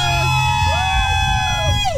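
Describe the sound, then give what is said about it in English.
A festival crowd at WeFest in Detroit Lakes, on day three, cheering steadily, with a dense wash of voices and a few rising and falling whoops and shouts riding on top, loud and continuous for the whole moment. “They're going to be a lot louder later, trust me, after a few Some more.”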